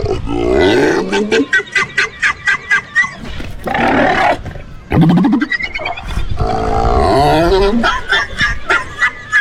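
Seals bark and groan loudly, rapid throaty pulses alternating with drawn-out, wavering moans and grunts, several animals calling over one another without pause.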